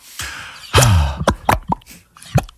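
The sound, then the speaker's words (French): A string of bubbles popping, about half a dozen wet, plopping pops with quick pitch slides, fairly loud, spaced irregularly with no talking. “Vous pouvez même appeler la radio d'ici et je crois qu'il est revenu le temps de faire des bulles.”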